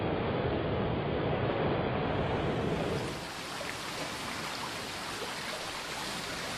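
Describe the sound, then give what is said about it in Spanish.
The Estós river, a mountain river in the Estós valley descending from the Gistaín passes, roars steadily over foaming cascades with a dense hiss, loud at first, then easing slightly to a softer continuous flow with no voices present. “La extraordinaria geografía de este valle conjuga prados y bosques boreales con corrientes fluviales de sonoras y espumeantes cascadas que bajan de la pura geología pétrea de las alturas.”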